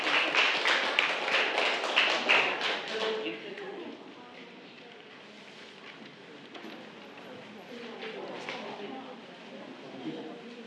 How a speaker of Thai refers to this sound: กิจกรรมรังสรรค์ผลงานผ่านผังความคิดเรามาเริ่มกันที่กลุ่มที่1ได้เลยค่ะขอเสียงปรบมือให้กับกลุ่มที่1ด้วยค่ะ